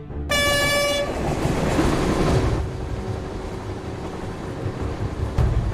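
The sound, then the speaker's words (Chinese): A train horn blares briefly at the start, then a train rumbles loudly past over a small old railway bridge above a village road on the Beijing–Shanghai railway in China, with a steady, heavy roar and faint rhythmic clatter, no voices present. “这条交通大动脉日均开行列车超200列，每隔5分钟就有一趟列车呼啸而过，年货运量占全国铁路货运总量近1/5。”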